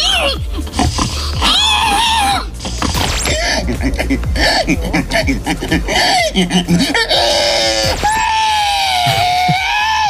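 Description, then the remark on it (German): At an agricultural fair in Estonia, people take turns imitating pig squeals in a contest: loud shrill wavering cries one after another, with laughter and chatter around them; the last squeal rises into a long, steady siren-like wail. “An einer Landwirtschaftsmesse in Estland haben die Menschen letztlich gerade eine Säule nachgemacht.”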